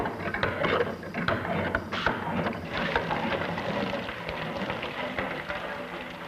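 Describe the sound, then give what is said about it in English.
A working water pump being operated, water gushing and splashing steadily with scattered mechanical clanks and creaks, continuous throughout, with no one speaking. “From this laboratory toy, you pass to a working pump of great practical value, like this one.”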